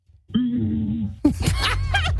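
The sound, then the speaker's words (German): A woman imitates how a T-Rex might have sounded with a low, droning hum, then breaks into a burst of rough, broken vocal noises, fairly loud, lasting about two seconds with no words. “hat nämlich mal ganz kurz auch gezeigt, wie der T-Rex wohl geklungen haben soll”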